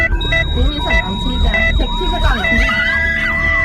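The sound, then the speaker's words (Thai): An ambulance siren wails in fast, rising and falling sweeps that repeat about twice a second, loud, over a steady low rumble of traffic and a sustained electronic tone, as the ambulance rushes a patient to a hospital 500 metres away. “เมื่อเราพร้อมใจกันหลบทางให้รถพยาบาลให้ทางเท่ากับช่วยชีวิต”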